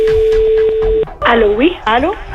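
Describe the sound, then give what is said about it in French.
A steady telephone-line tone with a few faint clicks lasts about a second as a double call is placed on Sky, then cuts off and a voice starts speaking over the narrow phone line. “C'est parti, double appel sur Sky.”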